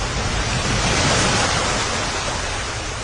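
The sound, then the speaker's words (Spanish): Water in a pool churns and swirls with a steady, broad rushing wash, fairly loud, rising slightly in the middle and holding constant throughout, with no voices. “¡Allí! ¡El agua se mueve!”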